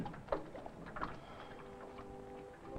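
A small outboard boat motor with a rope start, like a home lawnmower's, is started: two sharp pull-cord yanks, then a rough, sputtering engine that briefly catches with a low humming drone near the end.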